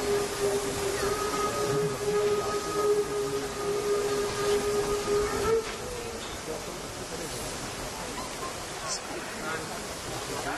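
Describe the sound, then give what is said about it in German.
Locomotive 35 1097 rolls slowly onto a turntable: a steady mechanical rumble and hiss, with a sustained droning whine that cuts off about halfway, leaving a quieter, continuous rushing noise. “Die 35/10/97 kommt jetzt auf die Drehscheibe und wird anschließend direkt auf das Kohlegleis umsetzen.”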